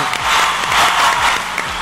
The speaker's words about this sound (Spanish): No se diga más. Si quieren aplaudir, adelante.